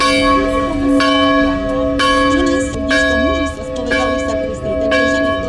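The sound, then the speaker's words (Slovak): Local church bells at the pilgrimage site of Padre Pio in San Giovanni Rotondo peal continuously, with sharp strikes roughly every second layered over a sustained, humming resonance of overlapping tones, loud throughout; a faint murmur of voices sits beneath. “Počas púte na tomto mieste sprevádza návštevníkov aj typický hlahol miestnych zvonov.”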